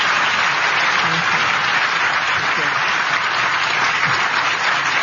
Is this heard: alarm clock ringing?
no